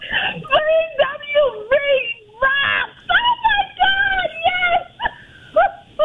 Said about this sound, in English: Even the dog is cheering.